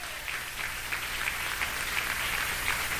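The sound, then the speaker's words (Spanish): A crowd at a religious vigil claps to God, steadily and densely, the many hands blending into a continuous, loud wash of applause that holds level throughout, with no voices rising above it. “Dan palmas a Dios que Él vive.”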